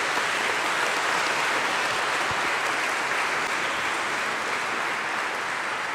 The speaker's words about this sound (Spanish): Felicidades, un aplauso para los cumpleaños.